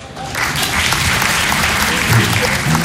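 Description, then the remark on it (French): An audience bursts into applause, a dense, steady clatter of many hands clapping that swells quickly and holds at a loud, even level for a few seconds, answering by applause who has ever been in a sex shop. “Qui a déjà été dans un sex shop par applaudissement?”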